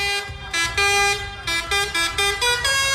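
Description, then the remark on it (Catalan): Dozens of tractors honk repeatedly in overlapping bursts, steady mid-pitched toots of varying length over a low rumbling engine drone, at a farmers' protest in Lleida, Catalonia, against the crisis in Catalan agriculture, with no one speaking. “Desenes de tractors es mobilitzen avui a Lleida per demanar mesures contra la crisi al camp català.”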